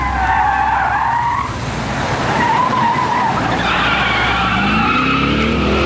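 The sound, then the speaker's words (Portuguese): Car tires screech in a loud, sustained skid, the squeal wavering in pitch over a roaring engine for several seconds, with no voices. “Chefe está derrapando.”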